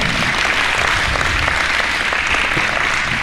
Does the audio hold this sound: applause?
yes